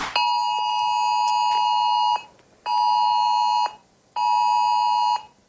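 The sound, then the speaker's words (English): A loud, piercing emergency alert tone from a mobile phone, a test of the Australian government's Oz alert system, blares in three bursts: one long two-second blast followed by two shorter ones, with brief gaps between and no voices. “That's what it's going to sound like. And apparently, that's what you're going to hear on your mobile phone at 2 o'clock today, even if your phone is on silent, it'll pierce through.”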